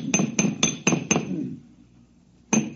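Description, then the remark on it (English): Five quick metallic bangs in a steady rhythm, ringing with a bright clanging tone as a man tinkering with his air conditioner bangs on its condenser, which has a sealed power pack, then a short pause before another loud bang. “Yeah, if you keep banging at it like that, you'll crack the seal on the atomic shielding and your posterity will thank you.”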